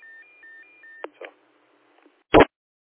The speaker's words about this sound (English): I recognize that tone. That's the 2-minute timer tone, I think.